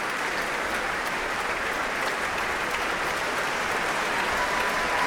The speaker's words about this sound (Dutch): Een staande ovatie voor Guy Brownstein. Een applaus ook van de muzici van het Concertgebouworkest.